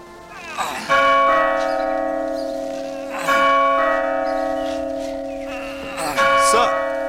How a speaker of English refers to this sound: There was a small lodge by the gate, and beside the lodge, a great bell.